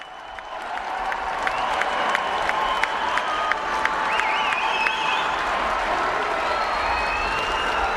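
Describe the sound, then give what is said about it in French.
A large crowd of the faithful applauds steadily and loudly as the Pope comes out onto the balcony at Montserrat monastery, dense clapping mixed with scattered cheers and a few high whistles, holding at an even level throughout. “Et voici le pape qui sort au balcon à Montserrat sous les applaudissements des fidèles.”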